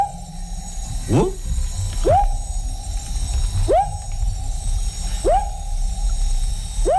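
A frog calls in a steady series of rising, whooping notes, about five in a row at regular intervals, over a constant low background drone and rumble. No one speaks.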